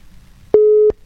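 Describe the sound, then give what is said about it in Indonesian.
A single steady electronic phone ringing tone of an outgoing call waiting to be answered sounds once, loud and clear for about a third of a second, over faint background hiss with no one speaking. “Ini masih berdering.”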